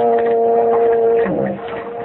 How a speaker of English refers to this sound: I heard whistle a big ship. No, you didn't. That was just a foghorn.